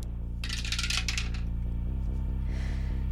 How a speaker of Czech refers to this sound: Připravená věž, do které hodíme kostku.